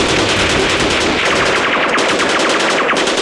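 Sustained, loud machine gun fire: a rapid, steady stream of sharp bursts rattling on for several seconds without pause, with no voices over it.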